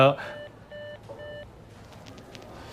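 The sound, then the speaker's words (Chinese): A brief voice cuts off as the other caller hangs up, then a phone's hang-up tone beeps three times in an even rhythm, each a steady, mid-pitched electronic tone, over a low background hum. “每次我没说完话挂我电话。”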